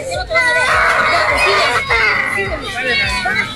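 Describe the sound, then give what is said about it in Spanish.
Many voices shout and scream at once in a loud, continuous tumult, with high-pitched cries rising over a busy crowd for several seconds, as a woman in Peru hands out dolls to children. “Bueno, se sienten gritos, se siente de todo.”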